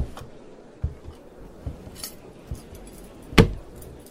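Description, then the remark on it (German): A few soft thumps like footsteps, then a single sharp, loud clatter as a helmet lying on the floor is stumbled over and knocked, followed by quiet. “Sonst stolperst du wieder über Annabels Helm.”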